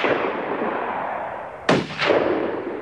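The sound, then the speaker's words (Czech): Two sharp gunshots are fired at a boat in quick succession, each a loud crack with a short echoing tail, over a steady rushing noise in the background. No one speaks. “Pátku, pal na ten člun!”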